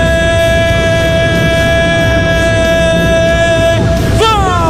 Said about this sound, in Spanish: Suena el silbato, da la orden y dice...